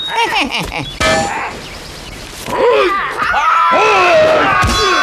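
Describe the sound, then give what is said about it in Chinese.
A blade chops three times at Sun Wukong's copper-and-iron head in a few sharp, ringing clangs spaced apart, mixed with wavering vocal groans and exclamations between the blows. “老孙就站在这儿，让你砍上三刀。”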